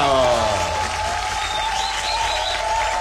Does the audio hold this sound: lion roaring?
no